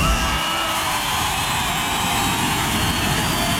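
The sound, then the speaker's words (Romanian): Dense, steady applause from a crowd fills the whole moment, loud, a continuous wash of clapping with possible cheering mixed in and no clear voices. “Bagă aplauze, mă, de-ale noastre, de-alea din Sălăjean.”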